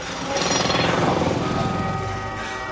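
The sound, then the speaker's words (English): A man works a jackhammer, pounding in a rapid, steady burst of loud percussive hits, filling the whole clip with harsh mechanical rattling. “Overlapped with more ghostly figures, a man works a jackhammer and ethereal cars speed by.”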